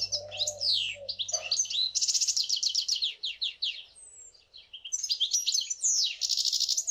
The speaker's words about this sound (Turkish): Buna Bu ka ötüş diyoruz o zaman. Buna ötüş diyoruz, evet.